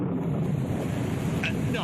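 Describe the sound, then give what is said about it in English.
Heavy rain pours down on a campsite with a tent in a steady, dense roar that fills the whole clip, with a couple of faint higher chirps poking through near the end. “And then, just as they were about dried out by the campfire, it began to rain.”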